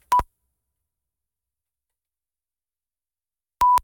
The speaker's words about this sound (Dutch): En hij doet het zo in 3,66 seconden. Maar dat is echt kort, hè? Dat is heel kort. Zullen we het eens even laten horen hoe kort dat is? Ja. Dus dan begint hij bij de eerste piep en bij de tweede piep is hij klaar.